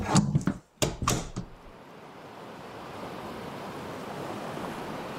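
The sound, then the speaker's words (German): A few sharp knocks and splashes open, then a steady, rushing wash of ocean water and surf builds and carries on evenly, moderately loud, with no voices. “treibt in ihrer Kapsel auf dem Ozean.”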